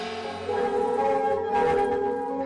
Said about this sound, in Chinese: 在岩洞镇的广场上，敲锣打鼓，锣声清脆，一片欢歌笑语。原来黎平洞寨的石洞款会正在举行。